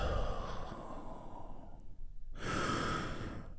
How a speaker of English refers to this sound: I want you to keep breathing deeply, deeply, deeply.